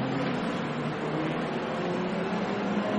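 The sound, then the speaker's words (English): The Grello race car, number 911 from Manti Racing driven by Thomas Prining, sits in the pit lane getting full service, its engine giving a steady, loud droning rumble that holds unchanged for the few seconds, with no one speaking. “And that car's getting full service.”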